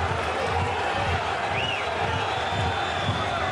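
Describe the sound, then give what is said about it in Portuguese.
In a stadium, travelling FC Porto supporters chant "Porto, Porto, Porto" in a steady, rhythmic pulse beneath a dense, constant roar, urging their team toward a 2-2 equaliser while Aves lead 2-1. A brief high whistle rises and falls partway through. “Uma altura em que se começam a ouvir mais e mais gritos de Porto, Porto, Porto.”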